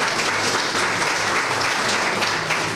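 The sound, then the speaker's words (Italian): A crowd claps steadily, a dense, sustained wash of many hands applauding together at a fairly loud level throughout, with no one speaking over it, in applause for a lady. “Un applauso merita anche la signora.”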